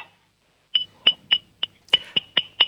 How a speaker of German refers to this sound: Und dann klimperst du mal an das Trinkglas mit dem Löffel.